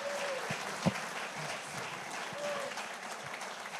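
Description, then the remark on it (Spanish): Steady applause given to God for the lives of the pastors present, a dense wash of clapping that holds at an even level throughout, with a sharp louder clap standing out early on and faint voices mixed underneath. “Y démosle un fuerte aplauso a Dios por la vida de todos nuestros pastores que están hoy acá.”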